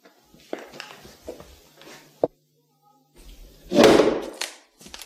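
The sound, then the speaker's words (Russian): Several sharp knocks and bumps, then a loud, heavy impact of a door slammed hard enough to break it, with rattling aftermath, followed by a few lighter clunks. “Я, кажется, сломал вашу дверь.”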